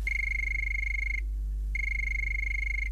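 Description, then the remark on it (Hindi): A telephone rings twice on a phone-in programme, announcing the first caller: two long, steady, high-pitched electronic trills separated by a brief pause, loud and clear with no one talking over them. “तो मुझे सुनाई दे रही है फोन की घंटी और देखते हैं कि कौन है हमारी पहली कॉलर।”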